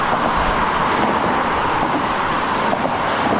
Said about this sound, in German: Mehr als 100.000 Autos sind bisher pro Tag über die Bonner Nordbrücke gefahren. Sie ist eine der wichtigsten Ost-West-Verbindungen im Rheinland.